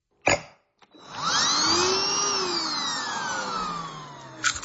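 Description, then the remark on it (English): A sharp click, then a coffee grinder whirs steadily for several seconds, its motor whine sliding up and then gradually down in pitch before a few clicks at the end. No one speaks. “the three sounds: a coffee grinder, putting it in the pod, and then dripping it out.”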